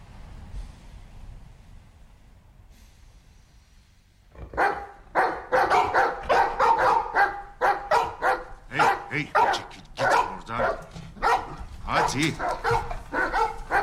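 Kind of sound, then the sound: animal, dogs barking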